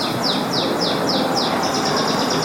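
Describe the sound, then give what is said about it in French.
A string of high, sweeping bird-call chirps from an instrument used to call birds repeats at a steady pace, then comes faster near the end, heard clearly over a constant hiss of background noise with no talking. “Aussi, on avait des instruments pour appeler les oiseaux qui faisaient le bruit des oiseaux et après ils répondaient des voix.”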